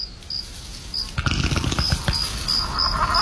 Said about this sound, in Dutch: Hoorde ik nou een scheet van een van die dino's? Dat borrelt voortdurend.